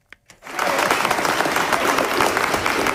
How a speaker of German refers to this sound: Als die Nachricht aus Oslo bekannt wird, brandet spontaner Applaus auf und dann sogar kurzer Jubel, als die neue Friedensnobelpreisträgerin den Saal im Nürnberger Justizpalast betritt.